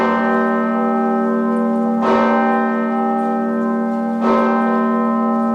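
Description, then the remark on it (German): The large Osanna bell of the Martinskirche in Kassel, Germany rings with a deep, sustained hum to open a memorial service, struck twice about two seconds apart, each strike adding a bright clang over the long resonating tone. Loud, no voices. “Die Osanna-Glocke der Martinskirche in Kassel.”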